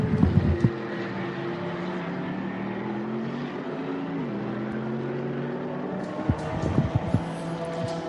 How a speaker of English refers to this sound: That's exactly on cue that Viper Nissan Mercedes leaves the pit lane.